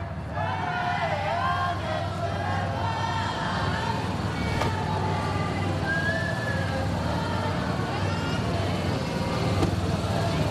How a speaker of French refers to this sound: Et voilà, la voiture, eh bien, commence à avancer. Mais pas les motards.